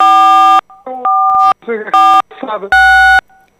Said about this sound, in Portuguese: está a calcar nas teclas do telefone e eu estou aqui a ouvir este pi, pi, pi, pi, pi, pi.